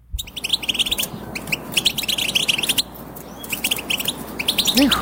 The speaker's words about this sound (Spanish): Ahí le va el segundo lugar, que es el jilguero europeo. Ah, eso sí, todos europeos, ¿eh? Ahí le va.